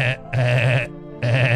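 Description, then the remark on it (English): Someone vocally imitates a pedestrian crossing buzzer: three loud, buzzy, nasal tones at a steady low pitch, a short one followed by two longer ones, separated by brief gaps. “And then anyway, I hear the buzzer. For crossing. Crossing buzzer, you know?”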